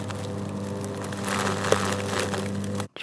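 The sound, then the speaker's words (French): A leaf-shredding machine grinds steadily with a droning hum and a dense rustling, crackling roar, loud, running continuously before stopping abruptly near the end. “De la machine qui broie les feuilles.”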